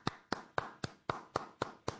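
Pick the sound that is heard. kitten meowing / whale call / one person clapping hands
one person clapping hands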